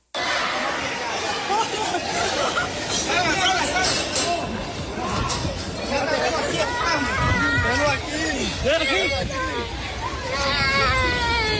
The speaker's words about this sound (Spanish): que los de radio les quede claro, porque a lo mejor se sacan de onda los de radio cuando escuchan nada más gritos y movimientos. Es lo del temblor de Panamá.